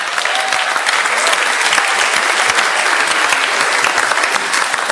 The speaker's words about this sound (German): Bitte Applaus für Gruppe 12 und 13.